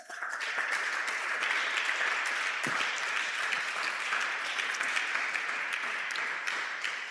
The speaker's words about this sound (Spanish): Dele fuerte el aplauso al Señor, aleluya. Déselo fuerte.